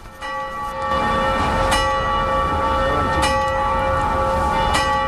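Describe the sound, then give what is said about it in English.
Large bells of the socialist clock in Olomouc, rung by workers at noon for roughly 10 minutes, ring out steadily, their sustained tones layering and overlapping, with fresh strikes landing about every second and a half over a constant outdoor hum. “Just as she finishes explaining, the clock strikes noon, the one time that the clock rings during the day, for roughly 10 minutes.”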